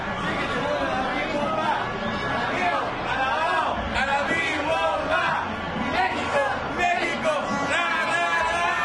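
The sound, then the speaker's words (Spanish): A large crowd of fans supporting Mexico shouts and cheers in Plaza Garibaldi, many voices overlapping into a dense, steady roar that stays loud for the whole stretch, with individual calls such as "¡Viva México!" rising above the babble. “El orgullo mexicano y la pasión en los corazones se sintieron en cada grito, en cada porra, en cada ¡Viva México!”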